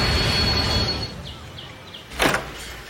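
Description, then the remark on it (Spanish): Rain-like storm noise hisses steadily, then eases off, before a short, sharp gust or crack breaks through near the end. No voices. “La tormenta.”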